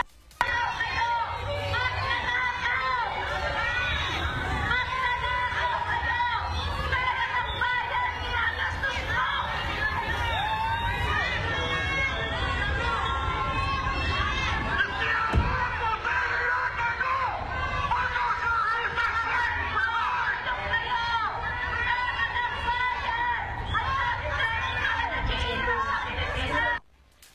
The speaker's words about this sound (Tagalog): Pero bago magsimula ang programa, sinalubong ang Philippine delegation ng dalawang magkaibang grupo sa labas ng venue. Isang grupo ng mga nagpoprotesta ang sumisigaw ng magnanakaw, habang may ilang mga tagsuporta na sumisigaw ng BBM.